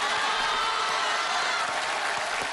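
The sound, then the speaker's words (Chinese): An audience at a Chinese crosstalk (xiangsheng) comedy performance claps steadily, a dense, even wash of applause that holds at a constant loud level for the whole stretch, with no voices standing out. “各位，您别鼓掌”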